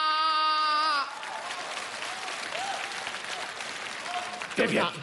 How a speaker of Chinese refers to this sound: 别鼓掌，这都多难为情啊